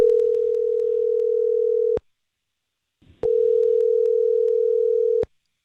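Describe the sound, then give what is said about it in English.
A telephone line rings twice as a call is placed: two loud, steady electronic tones, each about two seconds long, separated by a short silence, with no voices over them. “As I mentioned a couple songs ago, we're going to go ahead and call her and just see what's up.”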